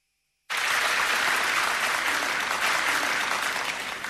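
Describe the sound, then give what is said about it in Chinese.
Sudden burst of audience applause after a brief silence on a xiangsheng (comic crosstalk) program, welcoming crosstalk masters Ma Sanli and Wang Fengshan to perform "Xie Duizi"; a dense, steady crackle of many hands clapping that stays loud and even for several seconds with no talking. “那接下来呢，咱们请出相声泰斗马三立和他的老搭档王凤山，由这老二位给您说一段写对子，咱们掌声有请。”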